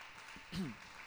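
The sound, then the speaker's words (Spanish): An audience claps for the King of Kings in a dense, continuous wash of applause, with a brief voice rising above it midway through. “¿Cuánto le dan un aplauso al Rey de Reyes con todo su corazón?”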